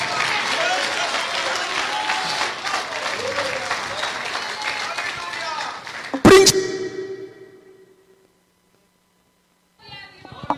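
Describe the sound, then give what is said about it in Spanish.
A church audience bursts into sustained, dense applause for the Lord for several seconds, ending with a sharp thump before the clapping fades into silence; a voice starts speaking just at the end. “Dele ese aplauso al Señor.”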